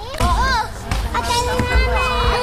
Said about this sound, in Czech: Tři děti na kolotoči, dvě na trampolíně a několik dalších na žluté prolezačce připomínající slunce. České Budějovice mají nové dětské hřiště. Připomíná sluneční soustavu a v pátek dopoledne je do háječku vyrazili otestovat první děti.